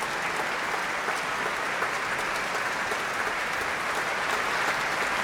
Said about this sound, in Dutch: Groot applaus hier in de chockvolle grote zaal van het concertgebouw.